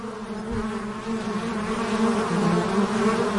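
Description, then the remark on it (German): Wild bees buzz and hum steadily, a dense, continuous drone of several insects with slight wavering in pitch and loudness, no voices present. “Kennen Sie natürlich dieses Summen und Brummen.”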